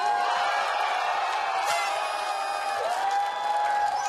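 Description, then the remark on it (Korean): A crowd applauds and cheers steadily, welcoming a new singing instructor at her debut class, with dense, continuous clapping and some high whoops running through the whole stretch, holding at a loud, even level without letting up. “박수 주세요!”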